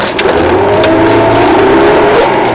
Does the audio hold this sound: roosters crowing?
no